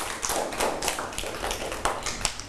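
A group of children applauding, a dense scatter of quick, uneven claps running steadily for a couple of seconds with no talking over it.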